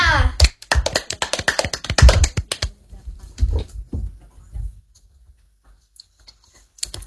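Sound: audience clapping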